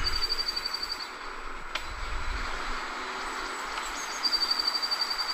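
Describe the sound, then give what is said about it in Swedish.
Quick runs of high, thin bird chirps come in two short bursts at the start and end, fairly faint against a steady, noisy outdoor hiss. “Det känns mer som att man hör kvittret i bakgrunden.”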